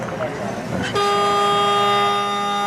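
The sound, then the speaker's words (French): After a second of murmured voices and background noise, a loud game-time buzzer marking seven minutes of play blares in one steady, harmonically rich tone that holds unbroken until the end. “C'est le buzzer qui indique que 7 minutes de jeu pour.”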